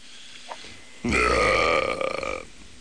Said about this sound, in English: Once in a while, I have to belch or something.